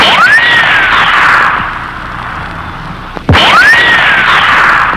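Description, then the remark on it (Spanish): Two gunshots fired by a security guard, about three seconds apart, each a sharp crack trailed by a whining ricochet that swoops up in pitch and slowly fades, with a steady hiss underneath and no talking. “Ese vigilante por poco me lleva la oreja de ese balazo.”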